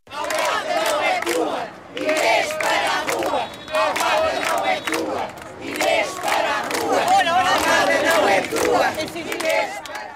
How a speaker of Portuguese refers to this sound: Os moradores gritavam bem alto: Inês para a rua.